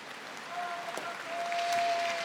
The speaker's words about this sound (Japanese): 十両最後の一番というアナウンスにまた拍手です。